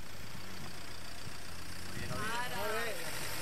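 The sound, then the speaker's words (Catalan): A car engine idles with a steady, low rumble throughout, and a voice rises over it in the second half. “Stop, fora cotxe, mula.”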